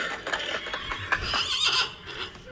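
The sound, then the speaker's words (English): A horse whinnies loudly, its shrill, wavering neigh rising and falling over a couple of seconds, with faint hoof clatter and rustling underneath. “The horses are coming.”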